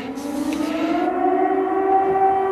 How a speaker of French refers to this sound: Alors que les sirènes résonnent sur la ville, la cour de l'école, le terrain de basket, tout est vide.